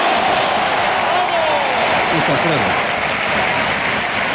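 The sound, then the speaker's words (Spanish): A packed stadium crowd of 15,000 people in Albacete sings the club anthem together without accompaniment at the end of a match on a Monday evening, a loud, dense, unbroken wash of massed voices that holds steady for the whole stretch. “Mira, el himno a capela. A puerta. Se escuchó en la tele. Fíjate cómo suena. La gente cantando.”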